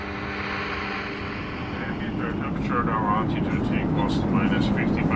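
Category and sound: vehicle, airplane flying nearby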